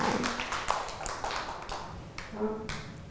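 A group of children clapping, a dense, uneven patter of many hand claps that keeps going for about three seconds, with a few faint voices mixed in.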